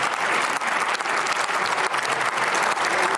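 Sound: applause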